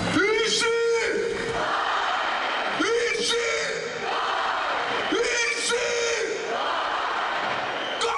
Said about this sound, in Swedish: Enligt uppgifter samlades runt 70 000 människor vid Olympiastadion. På scenen möttes spelarna av ett hav av jubel. Avgörande målskytten Konsta Helenius hyllades och forwardspelaren Jesse Puljujärvi drog igång fansen med en ramsa.